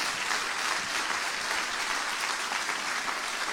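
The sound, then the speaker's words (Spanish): An audience applauds steadily, a dense, continuous wash of clapping hands that holds an even loudness throughout without pauses or voices rising above it. “Dale un aplauso a la luz, dale un aplauso a la verdad.”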